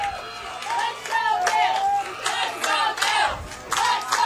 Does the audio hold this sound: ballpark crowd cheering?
yes